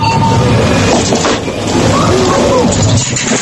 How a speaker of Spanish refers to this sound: Una máquina de dispensar, sí, alimentos, refrescos, de vending, echas pero con monedas.